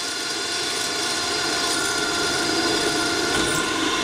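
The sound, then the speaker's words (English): A power drill whirs steadily and loudly for the whole stretch, a continuous motor whine with grinding noise and no pauses or speech, drilling in a trap-making business. “Well, drilling is something we do an awful lot of, and as we say in our little business, drill, baby, drill.”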